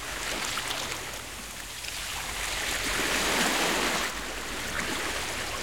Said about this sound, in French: Dans la boîte à trésors de Toudou, il y a un grand coquillage. Et quand Toudou colle son oreille dessus, il entend la mer.